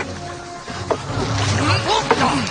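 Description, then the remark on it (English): A small rowboat is rowed away from shore, with two distinct oar strokes splashing about a second apart over steady lapping and sloshing, while faint voices murmur. “We have to row away from shore.”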